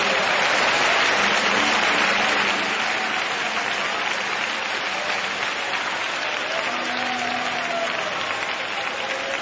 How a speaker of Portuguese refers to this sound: Vamos, pode bater palmas e louvar o nome do Senhor.